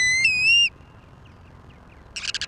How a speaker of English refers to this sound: This is WSHU's Birdsong Break. This week, the ruddy turnstone.